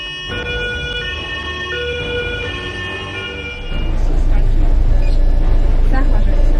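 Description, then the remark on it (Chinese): An ambulance siren wails with steady, piercing tones over engine noise as the ambulance speeds through the night, carrying sick infants on a 300-kilometre transfer to a hospital in Jinan. A louder, rougher rush of road and vehicle noise then takes over as the siren fades into it. “一路上，救护车上的几个孩子状况不断，医生们只能不停地用复苏面罩给他们进行人工呼吸。”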